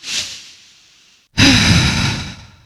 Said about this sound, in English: And you're breathing. There is breath inside your lungs. In fact, let's just take one of those big, deep breaths right now.